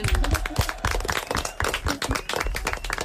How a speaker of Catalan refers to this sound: Molt bé, un aplaudiment.